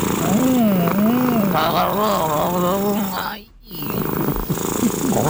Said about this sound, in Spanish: Porque el gato. Así es el ronroneo. Ese es el ronroneo de él. Ese es el ronroneo. Escuche. Ahí eso parece un motor viejo. Para una guañadora. Es que ellos roncan así.